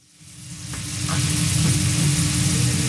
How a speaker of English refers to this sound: Steak sizzles the same in South Philadelphia as it does in central Tokyo.